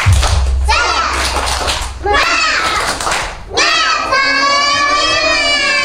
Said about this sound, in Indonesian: Coba kita tepuk semangat dulu yuk. Tepuk semangat.